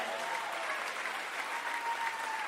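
A crowd claps steadily throughout, applauding God during a sermon. It is a dense wash of many hands applauding together at a fairly loud, even level, with no break in the clapping and no one speaking.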